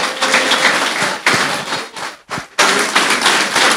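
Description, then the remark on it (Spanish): A church audience bursts into sustained applause for "the King" (God), a dense, loud crackle of many hands clapping that briefly dips and drops out before surging back at full strength, with no voices heard. “Bueno, gócese y si se quiere gozar, denle un aplauso al rey.”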